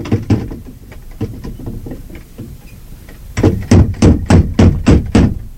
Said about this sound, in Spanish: Se detuvo frente a la puerta y movió el aldabón.